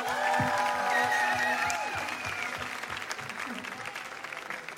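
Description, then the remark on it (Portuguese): A live festival audience breaks into sustained applause with whistles and cheering voices rising over the clapping, then settles into steadier, slightly quieter clapping that continues to the end. “Palmas para eles.”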